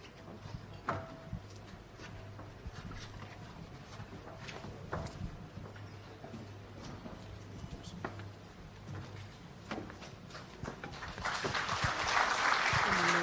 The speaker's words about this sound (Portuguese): Mais fortes as salvas de palmas.